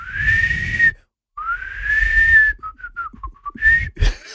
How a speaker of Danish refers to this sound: Det lyder altid som om, det er sådan en fløjt, der ikke helt stemmer, når du gør det der værke. Men der kommer lyd ud.